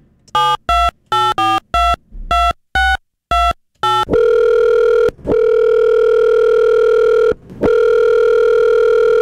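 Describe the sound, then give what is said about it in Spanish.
A telephone number is punched in with about ten quick keypad tones as a radio host dials a listener's phone in a prize contest, followed by a loud, steady ringing tone on the line, broken by a couple of brief pauses. “Acompáñenme, mejor dicho, a marcar. Y bien aguzadillo porque tu teléfono puede sonar.”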